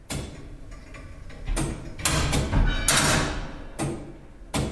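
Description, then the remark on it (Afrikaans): An old clock's tick-tock mechanism, fitted with newly turned bushings during restoration, gives sharp mechanical clicks and clunks at a loose, slightly uneven pace over a low, steady rumble, with no voices. “Daar is sluitasie op die oorlosie, val op die TikTok deel wat jy nou hoor.”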